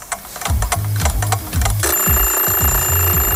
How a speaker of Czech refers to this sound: Ruku na srdce, vyskočíte každé ráno po prvním zazvonění budíku, nebo ho pětkrát odkládáte a každých pět minut si říkáte ještě chvíli?